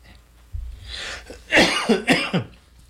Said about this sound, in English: I'm sorry, I'm starting to cough again. It's a recurring thing for me.